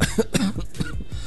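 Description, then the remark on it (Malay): A run of short, rough coughs, four or five bursts in quick succession with a throaty, slightly voiced edge and no talking. “Kalau batuk kau terus pergi jumpa doktor lah, supaya kau cepat sembuh.”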